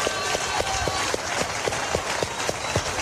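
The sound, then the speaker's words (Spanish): A crowd applauds steadily, a dense wash of clapping with a strong, regular beat of hands clapping together in time running through it. The sound stays loud and even for the whole stretch, with no voices. “¿Cuánto le da el aplauso grande a ese papá que nosotros tenemos?”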